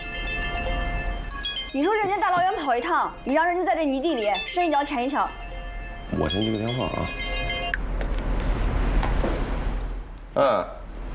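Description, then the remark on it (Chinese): A phone rings with a repeating electronic ringtone melody, steady for several seconds, while people talk over it; the ringing stops partway through as the call is answered. “我先接个电话啊。”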